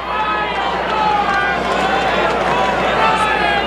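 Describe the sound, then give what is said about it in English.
A baseball stadium crowd in the section beyond the Cardinals' dugout yells and cheers for Brian Torres in a dense, sustained roar of many voices, holding steady and loud for the whole few seconds with no single voice standing out. “And they're yelling for Brian Torres.”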